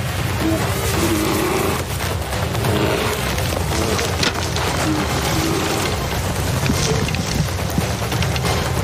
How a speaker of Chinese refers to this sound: 这头灰熊毫不费力地就把整个帐篷拖进了漆木丛，里面还有个45公斤重的人类模型。